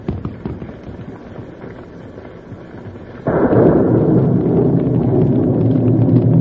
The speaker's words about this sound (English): We thought we heard shots.